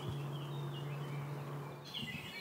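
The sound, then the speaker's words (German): A Eurasian blackcap sings in a meadow orchard, with short warbling, whistled phrases that rise and fall at a high pitch. The song is fairly soft over a steady low hum, and no one speaks. “Das war Mönchsgrasmücke.”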